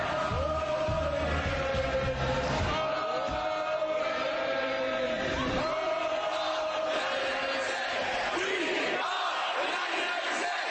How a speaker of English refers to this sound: In New York, they shouted Oakland as hundreds marched to City Hall.